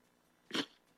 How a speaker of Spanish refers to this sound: Disculpen, que me dio como de estornudar y tardó un poquito.